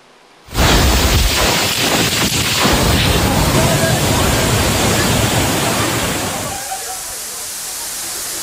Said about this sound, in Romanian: O furtună puternică a lovit cel mai mare oraș din Elveția, unde au fost și victime și distrugeri materiale.